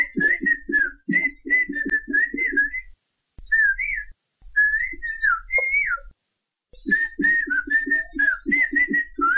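Two men in the mountains of Oaxaca, Mexico, converse in whistled Xochiapam Chinantec, trading quick runs of whistled phrases back and forth, the pitch gliding and warbling like speech melody, with brief pauses between turns and a soft low hum beneath.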